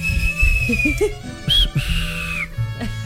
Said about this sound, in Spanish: ¡Eso! ¡Chíflale, chíflale!